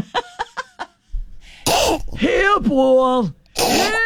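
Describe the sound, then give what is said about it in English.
A person vocally imitates a cat hacking up a hairball: a few short clicks, then loud retching heaves and gagging, strained groans with wavering pitch, ending in a harsh final hack. “Hairball! That's the worst sound ever.”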